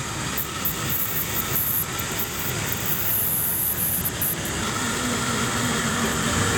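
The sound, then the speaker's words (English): A resistance drill bores steadily into the wood of a 100-year-old tree to measure the wood's resistance for signs of decay, a loud, unbroken mechanical whir with a hissing, grinding texture and a thin high whine, running for several seconds without pause. “Basically, we'll drill a hole into the wood and measure the wood's resistance.”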